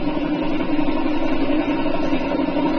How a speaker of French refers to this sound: pop, grosso modo, c'était plutôt le Baudouin. C'était un DK3, alors lui c'était spécial. Hein. Pop, c'est le nombre, c'est, si vous voulez, quand ça fait ça, c'est qu'il n'y a pas beaucoup de cylindres.